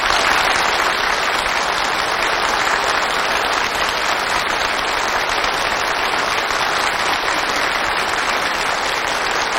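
Sustained, enthusiastic applause from a crowd, a dense steady clatter of many hands clapping at an even loudness for the whole stretch, with no voices standing out.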